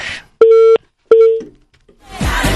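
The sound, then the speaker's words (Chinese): Two loud, steady electronic tones sound in quick succession, each a clean pitched beep lasting about a third of a second, as a listener's phone call is connected on a call-in program, followed by a burst of noisy rumble. “好，来您下一位听众朋友啊，喂，你好，电话已经接通了。”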